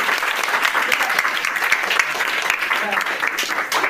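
Steady, dense applause from an audience at a school quiz program of Police Children's School 1, Bauchi, many hands clapping in a continuous crackling wash that stays fairly loud and even for the whole few seconds.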